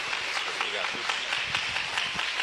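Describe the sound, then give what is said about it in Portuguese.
An audience at a church service applauds for Jesus to welcome the preacher, steady dense clapping filling the whole stretch with crisp, overlapping hand claps at an even loudness, with some voices blended into the noise. “Irmãos, com bastante palmas para Jesus, vamos receber o servo do Senhor.”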